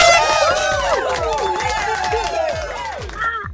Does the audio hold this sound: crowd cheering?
yes